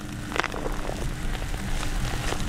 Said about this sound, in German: Doch zumindest kurzfristig ist ein Ende der trockenen Phase in Sicht. Als wir das Erdnussfeld Anfang September betreten, fallen bereits die ersten Regentropfen.